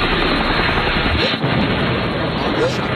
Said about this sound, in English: Did we shoot down the chopper?